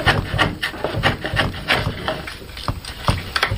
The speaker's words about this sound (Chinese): 每一次落刀，每一次打磨，都是与木材对话，与寂静相处。